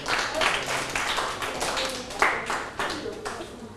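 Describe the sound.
A group claps together in a dense, steady patter of many overlapping hand claps with a few sharper accents, lasting a few seconds. There is a faint murmur of voices underneath.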